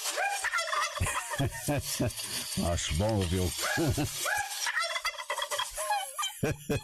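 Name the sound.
turkeys gobbling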